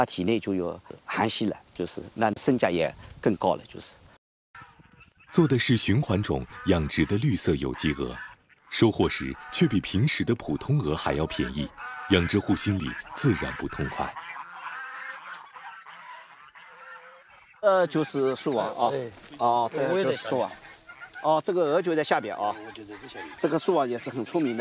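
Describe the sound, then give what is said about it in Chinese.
A large flock of free-range geese in Pingshan, kept on the ground, grazing grass daily and running outdoors, honks loudly and continuously, many harsh overlapping calls with brief lulls, quieting to a softer murmur midway before the noisy honking surges again. “我们的鹅跟人家不一样的，它是地面都散养的，是而且它每天都在吃草的，在外面跑。”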